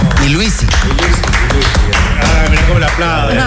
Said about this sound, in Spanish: Ah, mira cómo le aplaude.